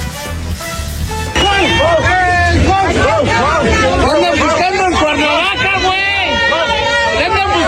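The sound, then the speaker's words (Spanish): A crowd at a football celebration yells and cheers loudly at deputy Cuauhtémoc Blanco, many overlapping voices shouting at once in a continuous, excited roar with rising and falling pitched calls throughout. “estuvo lleno de celebridades y entre ellas estuvo el diputado Cuauhtémoc Blanco, que no se salvó de los gritos de varios asistentes que se encargaron de expresarle mucho, mucho amor.”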